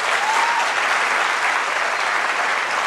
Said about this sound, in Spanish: Sí, dale un aplauso, Señor, por eso.